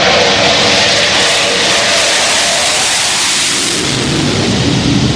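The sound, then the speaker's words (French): A loud, continuous roar of Rafale fighter jets flying over the aircraft carrier Charles de Gaulle, orbiting it on return from a Mars Strike mission as they prepare to land; a dense rushing wall of engine noise that holds steady, with a slight swell toward the end and no voices. “Voilà, les rafales sont à l'aplomb du porte-avions.”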